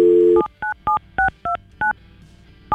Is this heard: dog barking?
no